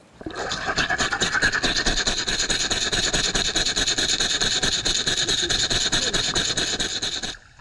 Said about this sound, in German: Jetzt denkt ihr vielleicht, ich hätte da so einen hechelnden Hund mit mir unter Wasser gehabt. Es ist eine Rassel. Ich finde wiederum, es klingt so ein bisschen nach einer Säge oder so. Wenn du da so ein Holzbrett zersägt hättest unter Wasser.